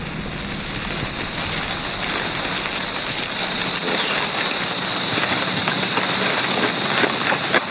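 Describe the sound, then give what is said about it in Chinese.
Steady rainforest rain pours down in a dense, even hiss, with countless drops pattering on leaves and surfaces for the whole stretch, loud and unbroken, with no voices. “雨林中的雨总是来得快，去得也快”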